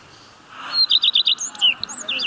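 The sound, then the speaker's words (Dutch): A bird sings a quick run of bright, repeated whistled notes, about five in a row, followed by a few varied chirps and trills, clear with no talking, along the bird trail in Ens. “Bordjes met QR-codes om vogelgeluiden te kunnen horen.”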